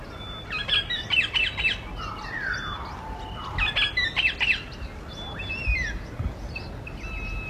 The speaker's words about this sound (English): Yes, we're up with the birds this morning. Something new I've tried this morning, and that little soundbite is of a bird call. The main bird that you're hearing in that bird call, I know there's lots of birds in there